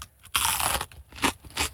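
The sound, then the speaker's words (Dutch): Chewing of a first mouthful of a ragout of chicken, pork and vegetables: one long, loud crunchy bite followed by two shorter, wet chews in a steady rhythm, with no talking. “Eerste hap.”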